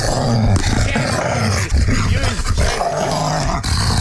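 A dog growls, a loud, rough, continuous rumble with snarling bursts that rise and fall over a few seconds, with no talking.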